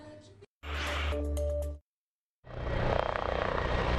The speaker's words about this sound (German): Zwei Hubschrauber, eine A400M, 4 Eurofighter und ein Tornado haben die in Schönewalde-Holzdorf stationierte Bundeswehrtruppe standesgemäß zum Jubiläum gegrüßt.